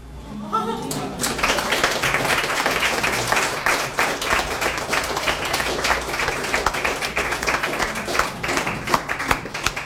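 A crowd breaks into sustained applause, dense overlapping claps holding steady and loud for nearly ten seconds after a brief spoken moment at the start.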